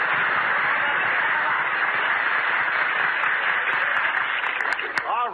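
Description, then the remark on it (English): Steady, dense applause from a large program audience, a continuous roar of many hands clapping at even loudness for several seconds, with a thin, band-limited quality like an old broadcast. “Applaud me, folks.”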